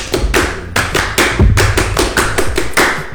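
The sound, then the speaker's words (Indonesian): A group does the Indonesian scout clap (tepuk pramuka), loud sharp claps landing in a steady, repeating sequence of about eight beats with no voices chanting along. “Kita kayaknya awali dengan tepuk pramuka kali ya Wak.”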